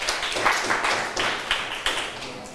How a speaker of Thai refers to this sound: มีใครอยากตอบไม่เอ่ยปรบมือให้เพื่อนหน่อยค่ะ